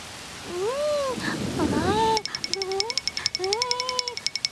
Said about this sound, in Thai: อ๊ะโอ้ไม่ทันซะแล้วฝนตกลงมาซะแล้วล่ะฟ้าฟ้า ฮะฝนตก